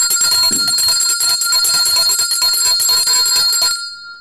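A bright, loud bell rings rapidly and continuously for nearly four seconds, its clanging strokes running together, then stops abruptly, leaving a brief fading shimmer.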